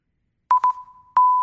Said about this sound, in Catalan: Bon dia, són les 8 del matí. Sona lo despertador, lo pares. Torna a sonar, lo tornes a parar, et despertes